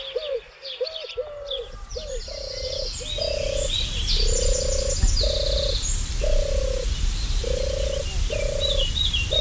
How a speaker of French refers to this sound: Celle-ci, c'est sa cousine qui était présente déjà bien avant l'arrivée de la tourterelle turque. C'est la tourterelle des bois qui est migratrice, qui disparaît en hiver, qui va en Afrique et qui revient ici.